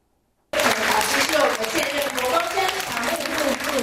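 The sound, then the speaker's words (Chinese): After a brief silence, a lecture audience at Fo Guang Shan Pumen Temple breaks into steady, loud applause welcoming Fo Guang Shan deputy abbot Venerable Hui Chuan: dense, continuous clapping from many people that holds at an even level to the end. “听众热情拍手欢迎佛光山常务副住持慧传法师的到来。”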